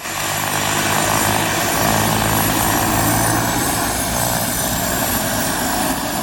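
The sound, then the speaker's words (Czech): A propeller aircraft engine drones loudly and steadily at an air show in Kunovice, with a constant throbbing low hum and broad roaring wash throughout, no voices. “Milovníci letadel mohli obdivovat nejrůznější typy letounů Avia, Aero nebo Let, včetně 6410.”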